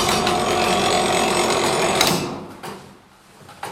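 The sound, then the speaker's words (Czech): A mechanical tower clock's striking mechanism, weighing about 100 kilograms on a sturdy oak stand and driven by weights of about 30 kilograms, strikes the quarter without bells: it whirs and clatters steadily for about two seconds, then winds down, with a couple of faint mechanical clicks as it settles. “Tak ten zvuk, který se slyšel, tak to by nám teďka odbilo vlastně čtvrt nebo půl nebo tři čtvrtě.”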